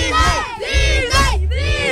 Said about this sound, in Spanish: Vamos a gritar Disney todos a la de tres. Va, una, dos, tres.